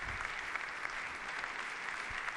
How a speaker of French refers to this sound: Léon XIV applaudit par toute l'assistance et qui remercie d'un signe de la tête.